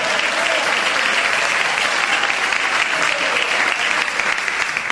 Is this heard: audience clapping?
yes